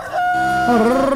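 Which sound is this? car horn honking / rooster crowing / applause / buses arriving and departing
rooster crowing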